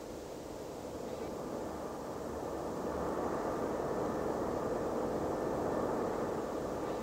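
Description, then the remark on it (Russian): A steady, low droning roar of the engines of German aircraft fills the air overhead, broad and continuous, swelling slightly louder as it goes on with no voices. “Это же самолеты от немцев летят.”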